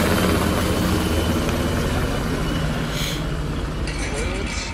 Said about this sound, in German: Über der Stadt kreisten Hubschrauber von Bundeswehr und Polizei.